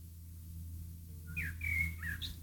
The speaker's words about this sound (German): Hört ihr den? Hier zwitschert die ganze Zeit vorm Studio wie verrückt ein Vogel. Ja, es ist fast schon ein bisschen aufdringlich.